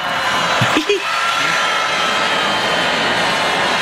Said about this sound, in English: Yeah, I can't believe he even stayed up on the stage. He got booed so badly.